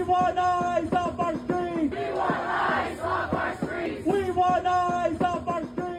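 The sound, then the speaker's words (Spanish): A large crowd of supporters at a Republican campaign rally in Clarksville, Tennessee, ahead of the November 3 legislative elections, chants in steady rhythmic unison, breaking midway into a loud burst of cheering and applause before the chant resumes, sustained throughout. “Sus simpatizantes aplaudieron sus declaraciones.”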